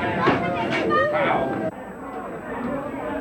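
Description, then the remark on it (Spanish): An agitated, hostile crowd of many voices shouts and clamors over one another against the android Proteo and the police, loud for a moment before abruptly dropping to a lower, restless babble. “La multitud hostil parecía no temer ni a Proteo ni a la policía, y se hubiera lanzado contra ambos de no ser por una patrulla que acudió al llamado del oficial.”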